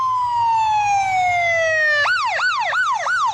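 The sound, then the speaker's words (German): A loud ambulance siren from a fire station in Seattle, Washington, USA, heading to an emergency call, sweeps slowly downward in a long wail, then switches to a rapid repeating yelp, with faint road rumble underneath and no talking. “Wenn 85 oder 810, die Rettungswagen der Feuerwache 10 in Seattle, zu einem Einsatz fahren, haben sie es eilig.”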